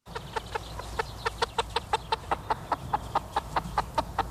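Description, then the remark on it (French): Chickens on a Loué label poultry farm in Souligné-Flacé, France, with more than 17,000 meat birds, cluck in a steady stream of short, repeated calls, about four or five per second, over a low background hum, with no talking. “Il est allé à la rencontre d'un éleveur de poulets qui est fermier de Loué.”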